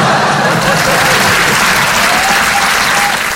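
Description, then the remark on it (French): Steady, dense applause from an audience, a continuous crackle of many hands clapping at an even, loud level throughout, with a faint murmur of voices underneath. “Non, n'applaudis pas.”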